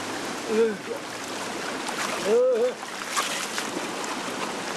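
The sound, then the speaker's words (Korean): A cold valley stream on Jirisan mountain rushes steadily with a broad, even hiss of flowing water, while a man's voice breaks in twice with short exclamations about the cold water. “아, 이 지리산 계곡물이 이렇게 시원해요.”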